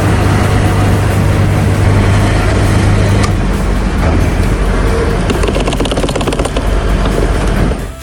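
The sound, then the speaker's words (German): Busy street traffic near a main train station in Wiesbaden roars steadily throughout, with a deep engine drone early on and a burst of rapid rattling clatter partway through, loud and continuous with no one speaking. “Und aktuell steht er noch an einem Ort, das hört sich da ungefähr so an.”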